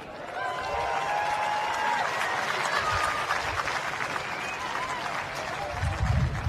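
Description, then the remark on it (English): Light, scattered applause from a small crowd, a steady patter of claps with some faint murmuring underneath, holding at an even level for several seconds. “I would call that a smattering of applause.”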